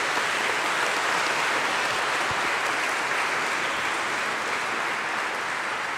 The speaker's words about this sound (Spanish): Felicidades, un aplauso para los cumpleaños.